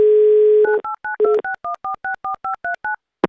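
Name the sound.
telephone dialing a number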